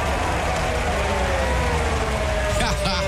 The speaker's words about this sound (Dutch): Hoor het gejuich.